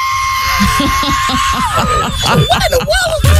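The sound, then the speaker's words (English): A man imitates with his voice the screeching whistle of a plane he heard flying past his house, holding a high, thin tone that bends and warbles up and down, fairly loud, then cuts off with a brief rough burst. “And I heard a screech. I saw that between a screech and a whistle.”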